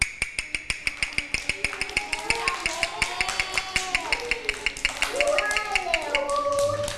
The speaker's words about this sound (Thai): จังหวะนี้คือจังหวะอะไรคะจังหวะเร็วถูกต้องเลยค่ะถ้าเด็กๆได้ยินจังหวะเร็วเราก็จะเคลื่อนไหวแบบเร็วๆ